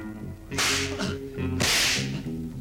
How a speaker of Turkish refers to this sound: Paşam, hala konuşmadılar. Konuşuncaya kadar kırbaçlayın.